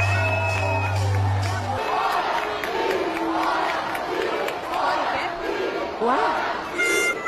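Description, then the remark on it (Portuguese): A large audience at a university graduation ceremony cheers and shouts loudly and continuously during a professor's speech, many voices swelling in repeated rising calls, with a low steady hum at the start. “E olha como a plateia aplaudia o discurso.”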